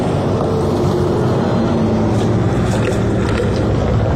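A water cannon vehicle being driven back in and pulling to one side: its engine rumbles steadily throughout, a dense low-pitched drone with constant loudness and faint higher mechanical whine, no voices heard.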